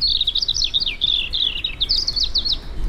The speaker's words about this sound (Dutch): Ja, voilà. Hier is jouw eerste vogel.